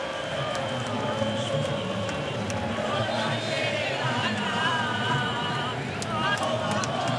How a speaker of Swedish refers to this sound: Argentinska supporter, ni hör, sjunga och jubla. I bakgrunden i Kansas, himlen är alldeles nattsvart.